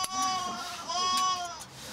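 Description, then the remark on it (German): A sheep bleats loudly in protest during shearing, two long wavering cries in quick succession, each quivering and slightly nasal, with a short break between them. “Laut starker Protest, verständlicherweise.”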